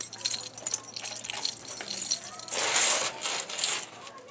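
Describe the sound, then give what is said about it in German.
Metallic jingling of keys with bright clinks and rattles, swelling into a louder burst of clatter partway through, as a key is worked into a lock to open a door at an animal enclosure. “Ich mache jetzt mal drüben auf. Na, Jörg hat ihn. Hey, Baby. Den Schlüssel zum Liebesglück.”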